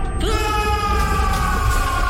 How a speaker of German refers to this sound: Befreit euch! Befreit euch! Reißt ihn heraus aus den Tiefen eurer Seele, den Schmerz! Und lasst uns jetzt laut zusammen schreien!